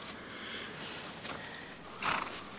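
A horse shuffles about in a stall with soft rustling and faint hoof movement, then gives one short, breathy snort near the end. No one is talking.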